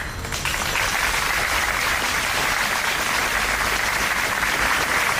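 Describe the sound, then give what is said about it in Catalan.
A crowd in front of the Gandesa town hall in Terra Alta applauds after a minute of silence for a nine-year-old girl. A dense, even wash of many hands clapping starts almost at once and holds at a constant loud level throughout, with no voices heard. “Aplaudiments després del minut de silenci davant l'Ajuntament de Gandesa per la nena de 9 anys que ha perdut la vida a la Font Calda, a la Terra Alta, arran de la caiguda d'una roca mentre es banyava diumenge a la tarda en aquesta font d'aigua termal”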